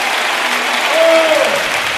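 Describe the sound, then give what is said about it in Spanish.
Loud, sustained applause for God from a large audience fills the space, a dense wash of clapping with a faint sustained tone rising briefly through the middle. “Un aplauso fuerte a Él.”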